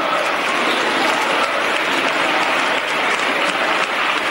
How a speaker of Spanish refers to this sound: Frente a los gritos de dimisión, dimisión, aplausos. Así que imposible no acordarse hoy de otras ovaciones cerradas, como esta que le brindaron a Ábalos en su día después del Dieselgate.